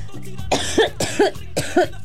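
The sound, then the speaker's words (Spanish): Three harsh coughs come in quick, evenly spaced succession, each a rough burst with a hoarse voiced edge, and no talking around them. “Ya me está dando la tos, tengo que aplicar uno de sus remedios.”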